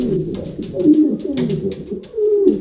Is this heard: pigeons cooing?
yes